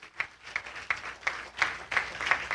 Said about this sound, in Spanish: Dele un aplauso al Señor, ¿qué le parece?